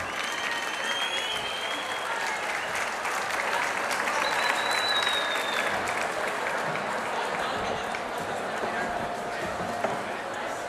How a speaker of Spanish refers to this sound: Un fuerte aplauso para …, que va a cantar con nosotras.